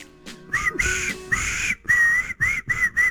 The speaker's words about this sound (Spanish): Vamos con ese silbido, dale.